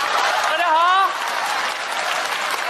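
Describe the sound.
Steady, dense applause from a crowd fills the whole stretch, with a voice briefly rising over it near the start before the clapping carries on alone.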